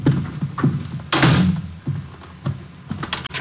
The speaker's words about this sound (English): I'm locking the door. I don't want anyone coming in.